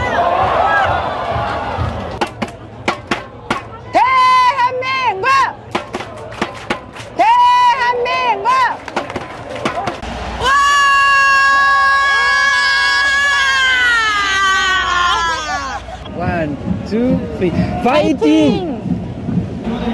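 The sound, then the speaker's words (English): A crowd of football fans, French supporters of South Korea in Seoul, screams and shouts loudly, bursts of excited yelling rising into a sustained chorus of high-pitched cheering before breaking into scattered calls. “That was mainly screaming, but it gives us a sense of the passion, I guess, and the global impact of the game as well.”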